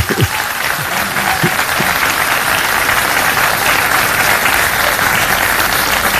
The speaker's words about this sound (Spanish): Este espacio, este centro cultural, aún no se inaugura. Si lo van a aplaudir, apláudanlo.